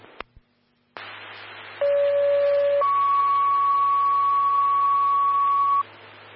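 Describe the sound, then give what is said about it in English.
Over a hiss of radio static, a steady lower tone sounds for about a second, then jumps straight to a higher, louder tone held for three seconds: a two-tone dispatch page calling the Elm Creek fire department to a fall on Parker Avenue. “Stand by four tones on a fall for call two.”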